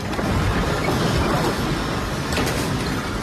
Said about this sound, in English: that's the sound of the second powerful earthquake to hit Venezuela Wednesday night.